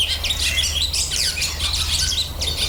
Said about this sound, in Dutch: Nou, dit is de boerenzwaluw.